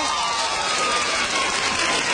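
Steady, dense applause from a crowd fills the whole stretch, a continuous wash of many hands clapping at once with a faint murmur of voices underneath.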